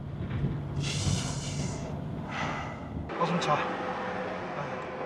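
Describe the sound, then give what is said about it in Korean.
Heavy, labored panting at high altitude on the road up to the Khardung La mountain pass: a few loud, rasping breaths in uneven succession, each a rough whoosh of air, with faint background rumble between them. “고도가 오를수록 숨쉬는 것조차 점점 힘들어집니다.”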